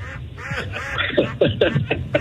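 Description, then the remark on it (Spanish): A goose honks several times in quick, uneven succession, the nasal calls growing louder toward the end, with a low background rumble and no talking. “Si usted, por ejemplo, saca a pasear el ganso, no queremos que venga cansado.”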